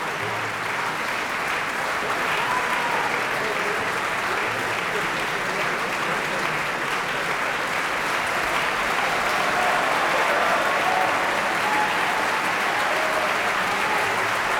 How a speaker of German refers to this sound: Dieser Applaus gilt jetzt Joyce El-Khoury. Sie hat die Rolle der untreuen Lina verkörpert.